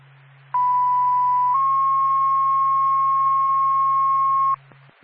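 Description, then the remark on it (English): A loud, steady electronic fire dispatch paging tone for the Whitefield Fire Department sounds for about four seconds, stepping up slightly in pitch partway through, over a constant low radio hum with no talking. It comes before a call to respond to a commercial fire alarm in Whitefield. “Four pack, Whitefield Fire Department, stand by for tone.”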